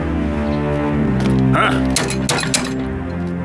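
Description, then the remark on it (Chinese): Several heavy, uneven knocks on the door of Hua Zixu's house land in a quick cluster midway through, sharp thuds standing out over a steady humming, tonal background that runs the whole time. “兄弟，敲门。”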